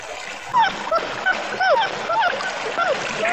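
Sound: puppy barking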